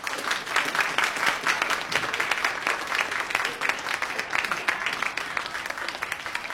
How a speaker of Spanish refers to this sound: Ahí está el aplauso, pero la bendición más grande la tuvieron al abrir la Biblia, porque el Señor les habló.